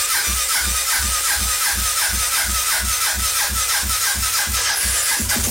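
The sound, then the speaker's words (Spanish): A motorcycle engine cranks over and over in a steady, rapid chugging rhythm, loud, but never catches and starts. No one speaks. “Espera, teniendo la moto un momentico.”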